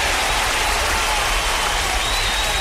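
Loud, dense applause from a crowd, with many hands clapping together in a steady wash of sound that fills the whole moment without letting up.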